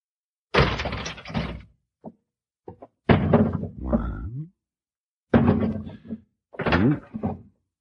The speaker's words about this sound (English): We'll open the door. Throw down our gun.